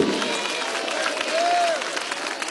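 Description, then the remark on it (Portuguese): An audience at a church service applauds for Jesus Christ with dense, steady clapping across the whole stretch, mixed with crowd noise and a brief rising vocal tone or shout partway through. “Mais alegre aplausos para Cristo.”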